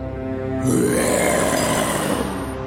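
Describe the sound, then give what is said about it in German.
A lion lets out one long, loud roar, rough and low-pitched, swelling after a brief growl and holding for about two seconds before easing off. No one speaks. “Mit dem Brüllen des Löwen wurde die kleine Maus weit weg von ihm bewegt.”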